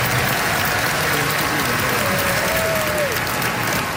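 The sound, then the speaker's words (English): A large audience at the American Society for Clinical Oncology applauds steadily after study results for a new pancreatic cancer treatment, an experimental once-a-day pill. The applause is a dense, even wash of clapping that holds at the same level throughout, with a faint murmur of voices underneath. “That applause is regarding a study that showed an experimental drug given as a once-a-day pill doubled survival time for pancreatic cancer from 7 months to roughly 13 months.”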